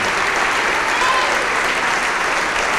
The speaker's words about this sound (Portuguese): E vamos aplaudir mais ao nome do Senhor.